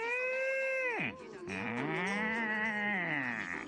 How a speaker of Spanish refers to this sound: La vaca.